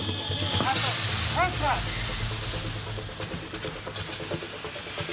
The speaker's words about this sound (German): Wir müssen jetzt erstmal hier massiv Wasser draufhalten. Es brennt massiv Unrat.